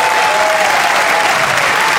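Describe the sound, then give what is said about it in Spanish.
An audience applauds loudly and steadily for the King of Kings, a dense wash of many hands clapping with no pause over about two seconds, a faint tone held beneath it early on. “Fuerte el aplauso al Rey de Reyes.”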